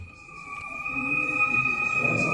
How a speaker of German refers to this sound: Nur ein leises Summen ist zu hören, als der Prototyp des unbemannten Luftschiffs anmutig im Hangar kreist. 12 Meter lang ist der Mini-Zeppelin, der in Zukunft bei der Fernerkundung helfen soll, erklärt Mitep-Geschäftsführer Dr. Udo Berthold.